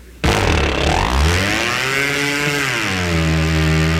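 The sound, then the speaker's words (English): A small boat motor, started by pulling a cord wrapped around its flywheel, sputters to life abruptly and roars loudly, its pitch climbing and dipping as it revs hard, then settling into a steady high whine, with no voices. “When they do start, they sound like they're going straight up.”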